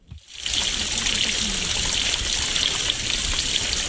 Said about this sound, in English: Water flows out of a stormwater pipe and into a stream in Warkworth's Parry Cody Park, north of Auckland. Once the nearby subdivision is finished, there will be more stormwater flowing through this pipe,